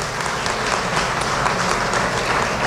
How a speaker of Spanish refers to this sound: Un aplauso.